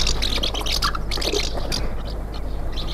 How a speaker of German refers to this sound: Vielleicht die Mehlschwalbe.